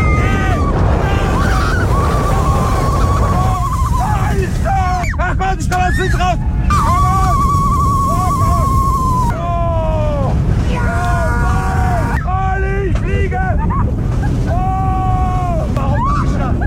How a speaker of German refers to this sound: Beim Achterbahnfahren 130 km/h mit dem Silver Star im Europapark Rust. Hört's mal.